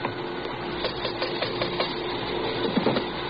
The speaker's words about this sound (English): You want to rap on the pay window? Yeah.